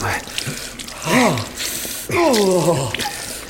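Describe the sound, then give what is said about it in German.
A tap in an old ship's galley runs steadily with a continuous rush of water, while a person lets out a couple of drawn-out, wordless vocal sounds like sighs of relief over it. “Die Kombüse war zwar alt, aber zum Glück funktionierte der Wasserhahn.”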